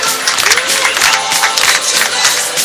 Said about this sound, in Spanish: Así lo vivimos. Así lo disfrutamos. Aplaudan, aplaudan. Venga, que se queda con Messi.